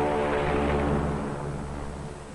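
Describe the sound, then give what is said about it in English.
PBM flying boat engines drone steadily as the plane lifts into the air after its takeoff run and circles the Currituck once, a loud propeller roar with a throbbing hum that eases slightly toward the end. No voices are heard. “She lifts quickly into the air and circles the Currituck once.”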